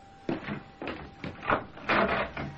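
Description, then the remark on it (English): A front door being opened on a cold, windy day as a visitor arrives: a run of five or six clunks and rattles from the latch and hinges, moderately loud and uneven in rhythm, with no voices. “I got somebody at the door.”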